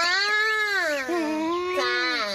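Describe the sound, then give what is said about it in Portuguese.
A person imitates a crying baby, voicing the character Baby Oribella, letting out a loud, wavering wail that rises and falls in pitch for a couple of seconds with only a brief catch in the middle. “Eu só tô fazendo o personagem da Oribella Bebê.”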